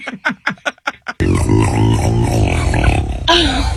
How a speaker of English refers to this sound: God, that's a turkey burp? What an incredible noise. All right, so here's what happened. So this guy burps the turkey. You feel better, Cornholio?